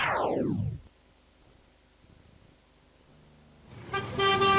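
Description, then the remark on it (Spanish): Car horns honk in a traffic jam on city streets, a loud sweeping blast fading out, then a quiet gap before several horns blare together again near the end. “Justo cuando estás atascado en las calles dentro de tu auto, una voz clama justicia desde el pasado.”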